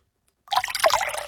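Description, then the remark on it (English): Water pours into a glass that already has some water in the bottom, after a brief silence; a steady splashing trickle with bright bubbling tones that continues to the end. “Oh, that's water, mate.”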